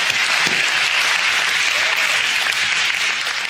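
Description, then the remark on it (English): A church audience claps steadily and loudly to God in triumph, the dense applause filling the space without pause for several seconds, with no voices standing out. “And in simultaneous chorus, as we are clapping to God in triumph, hell is understanding that they have been defeated by the blood of Christ.”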